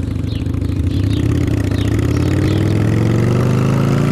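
Loud motorcycle engine rumble, steadily rising in pitch as the motorcycle revs and accelerates, with a continuous low drone and no talking.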